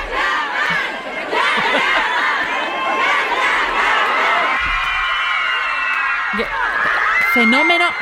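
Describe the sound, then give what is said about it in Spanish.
A large crowd of thousands of fans screams and shrieks continuously outside an airport, loud and dense throughout, with overlapping high-pitched voices and cheers without pause. “Vamos a escuchar cómo gritaban Kanjaman y gritando”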